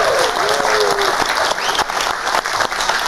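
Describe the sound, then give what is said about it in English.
Loud, sustained applause from a TV talk show studio audience fills the whole stretch, dense clapping with a few whoops and cheers rising over it, as guest Piers Morgan is announced. “You better clap.”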